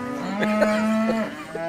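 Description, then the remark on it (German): A dairy cow, one of the cows being roused and brought into the milking parlour at milking time on the Albertshof farm, lets out one long, steady moo lasting about a second, loud and droning at an even pitch, then trails off into a quieter lowing hum. No one speaks. “Ich liebe Kühe.”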